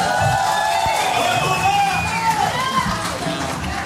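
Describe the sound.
A loud concert crowd cheers and whoops steadily over dense, continuous applause after an orchestra performance, with shrill voices and whistles rising above the roar throughout.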